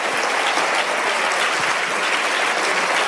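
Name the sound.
audience applauding loudly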